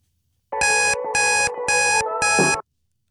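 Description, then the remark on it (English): An alarm clock rings loudly in four quick, evenly spaced bursts of bright electronic beeping over a song playing in the background, the song's steady musical tone continuing underneath, then cuts off abruptly. “Wee tip from me this morning, ignore the alarm. It's not happening. Listen to the song playing in the background.”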